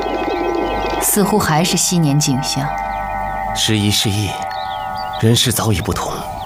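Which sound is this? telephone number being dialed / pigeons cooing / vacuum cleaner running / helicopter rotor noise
pigeons cooing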